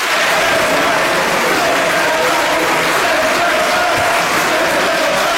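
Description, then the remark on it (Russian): Members of the European Parliament, supporters of a bill, conservatives and the far right, applaud loudly and continuously after the vote result is announced, while many voices chant "send them back" together in unison, a dense, sustained roar of clapping and shouting. “После объявления результатов сторонники законопроекта, консерваторы и крайне правые аплодировали и скандировали «send them back», то есть «отправьте их обратно», ну или «домой».”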